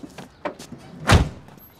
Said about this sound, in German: Die Tür ist zu.